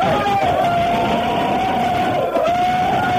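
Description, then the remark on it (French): A crowd of students shouts and yells together in a school corridor, a loud, steady wall of voices with one long, sustained high-pitched cry running through it. “Allez, gueulez un coup, là!”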